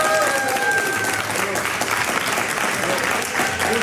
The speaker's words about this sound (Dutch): Maar eerst een keer live applaus, dat was ook heel leuk. Ja, ook, waar was dat applaus nou, voor ons of voor mevrouw Van der Wal? Ja, ik denk voor mevrouw Van der Wal.